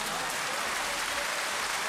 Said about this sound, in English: Okay, that's a good one. Round of applause.